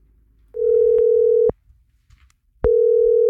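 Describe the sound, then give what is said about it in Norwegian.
A phone line's ringback tone on an outgoing call from the radio station Gjerradioen: one long, steady electronic beep, a second of silence, then the tone starts again, loud and clear with no voices. “han heiv seg på telefonen til en av de andre påmeldingene I dag morges.”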